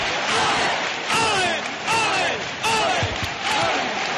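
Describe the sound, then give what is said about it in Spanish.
A large crowd cheers and shouts inside the sanctuary of the Virgen del Rocío as the Sin Pecado faces the Virgin, before 3 a.m. Many overlapping voices rise in loud, roughly one-second waves while a constant roar continues underneath throughout. “Comienzan los vítores.”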